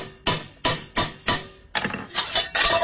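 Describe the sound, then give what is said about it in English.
A hammer bangs repeatedly on a metal bell being made after bending in a die, about seven loud strikes in a steady rhythm that quickens slightly, each with a bright metallic ring between blows. “Now what you need is use the hammer.”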